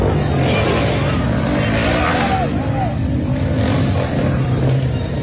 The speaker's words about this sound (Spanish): Y es que hay motocicletas que de verdad suenan más de lo que avanzan.